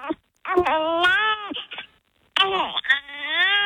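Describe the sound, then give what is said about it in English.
A newborn baby makes little cooing noises, two drawn-out, wavering vocal sounds with a short pause between them, clear with no one talking. “There's something about that little newborn sound.”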